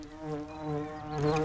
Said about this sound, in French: Est-ce que tu entends les abeilles bourdonner?